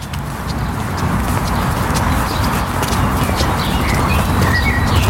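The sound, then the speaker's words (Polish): A steady low rumble of street traffic runs throughout, while faint, high bird chirps start to appear over it in the second half, in the Jazdów estate in central Warsaw, near the Sejm and the Trasa Łazienkowska. “Jeszcze słychać ruch uliczny, ale powoli zostaje on zastąpiony przez odgłosy natury.”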